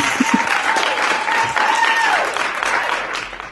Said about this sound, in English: I love the applause.